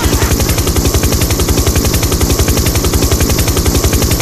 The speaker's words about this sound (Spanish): Cuidado con el helicóptero, amigo, porque la otra vez la señora se quejó que le había despertado a los gatitos.